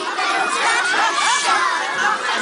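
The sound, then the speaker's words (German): Thousands of children carrying lanterns sing and call out together at the Bachfischet custom in Aarau, a dense, bright, steady wash of sound, with many overlapping high voices and no pauses. “Und das gehört man dann aus Tausenden von Kinderkehlen mit diesen schönen Lampion.”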